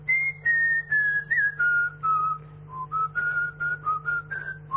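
A person whistles a short melody, the clear tone stepping downward in sustained notes and then wandering back up in shorter phrases, with a steady low hum underneath and no talking.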